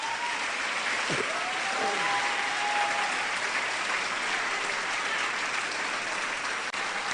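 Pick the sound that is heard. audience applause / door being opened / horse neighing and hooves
audience applause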